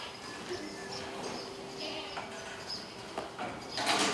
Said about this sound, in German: Von 400 Ziegen werden 80 ausgewählt und mit dem Ziegenbock zusammengebracht.